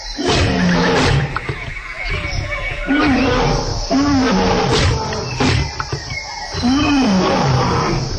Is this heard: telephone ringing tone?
no